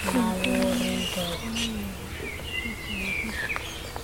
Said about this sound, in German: Also da hinten ja auf jeden Fall. Da singen sogar zwei verschiedene. Einer flötet so und einer tirilliert sehr schön.